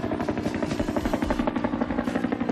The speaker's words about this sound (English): This is the helicopter that people associate the most with the Vietnam War.